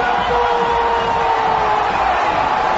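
A large stadium crowd of Paraguay supporters shouts and roars without pause before a football match, a loud, dense wall of voices with a steady high-pitched tone running through it for about three seconds.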